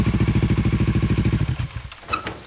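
A motorcycle with a sidecar, driving along ever bumpier roads to a patch of forest in the Congo in light rain, putters in a steady, rapid low thump, then winds down and fades out, leaving faint squeaks and rattles at the end.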